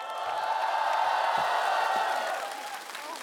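A large audience applauds and cheers for the young singer who performed the first song, a steady, dense wash of clapping with a few whoops, holding strong for about two and a half seconds before easing slightly toward the end.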